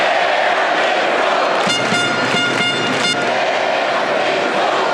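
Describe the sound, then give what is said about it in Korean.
A large crowd of South Korea fans at Guadalajara Stadium, Mexico, roars continuously during the South Korea versus Czech Republic match, doing the wave and chanting "Daehan Minguk", with a burst of rhythmic chanting and blaring horns rising in the middle before the dense cheering settles back to a steady din. “경기장은 온통 붉은색으로 물들었고 관중석에선 파도타기 응원과 함께 대한민국이 울려 퍼졌습니다.”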